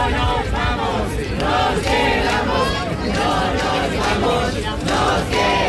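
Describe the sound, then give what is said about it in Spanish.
About 2,000 protesters gathered at midnight in the Puerta del Sol, Madrid, chant and shout in unison, voices rising in loud rhythmic bursts about once a second, a dense wall of overlapping cries sustained without pause. “Alrededor de 2.000 personas que se concentraban a medianoche han coreado gritos, lo escuchan, de que se quedan”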